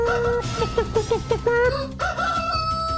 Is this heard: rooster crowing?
yes